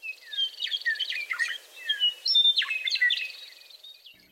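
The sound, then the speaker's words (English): A bird sings a rapid, varied song of sweeping whistles and trills, continuous for about four seconds, clear against a quiet background. “So it's like it announces the change of the seasons.”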